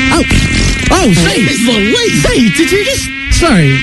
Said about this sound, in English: I've never heard a mosquito like that.